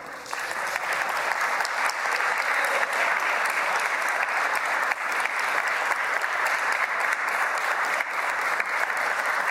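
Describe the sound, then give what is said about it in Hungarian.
Steady, dense applause from an audience, many hands clapping continuously at an even loud level for the whole stretch, with no voices standing out. “Köszönöm szépen a tapsot”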